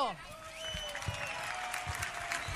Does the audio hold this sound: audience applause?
yes